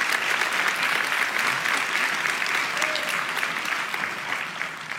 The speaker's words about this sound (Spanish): Vamos, iglesia, si va a aplaudir, hágalo con más ganas.